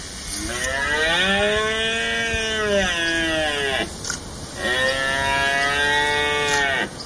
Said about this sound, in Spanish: Ya ha comenzado la berrea y ya se oye en el campo el berrear de los ciervos. Bueno, ya está casi pasándose, pero necesitaban esas gotitas de lluvia que refrescara un poquito el tiempo, porque estaba la cosa demasiado caliente para los cérvidos.